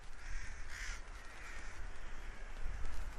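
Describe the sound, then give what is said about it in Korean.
Rooks, winter migrant crows, caw in Ulsan, South Korea; harsh calls stand out near the start over a steady outdoor hiss and low rumble, with fainter calls continuing behind. “보시, 여기 지금 때까마귀 있어요.”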